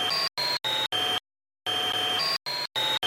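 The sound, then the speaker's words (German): A vacuum cleaner's whining roar, pitch-shifted in a music program, cut into loud, choppy bursts: four quick ones, a brief silence, then a longer stretch and a few more short blasts, with a steady high motor whine. “Ich nehme den Staubsauger-Sound und verändere hier die Tonhöhe. So klingt er normal und so verändert.”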